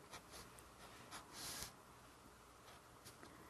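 Soft scratching of a pen going over a pencil sketch on paper in several short, light strokes rather than one long line, with several brief swishes and one longer, louder scrape in the middle, over a quiet hiss and no talking.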